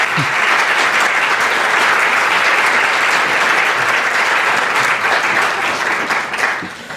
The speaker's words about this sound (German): Dicker Applaus für euch.